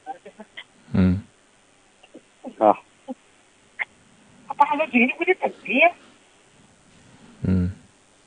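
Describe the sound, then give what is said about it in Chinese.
A telephone being dialed to call the village, with short tone beeps, then ring bursts at the start and end. A voice speaks briefly in the middle. “你把村上电话给我，我帮你打打电话，是不是？”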